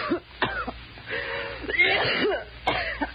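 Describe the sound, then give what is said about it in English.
Harsh, congested coughing: a few sharp bursts at the start, a long strained stretch with rasping breath, then another fit of coughs at the end. “You got a bad cough.”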